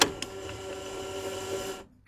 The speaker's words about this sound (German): So, irgendwie hören wir nichts. Ich probiere es nochmal, das Tape reinzuschieben.